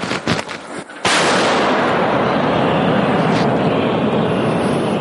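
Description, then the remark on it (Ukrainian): An old D-30 howitzer, loaded by soldiers after receiving coordinates, fires with a sudden, very loud blast about a second in, followed by a heavy, sustained roaring rumble that doesn't let up. A few softer thumps come just before the shot. “Бійці переривають інтерв'ю і заряджають стареньку гаубицю Д-30. Отримують координати і... Постріл!”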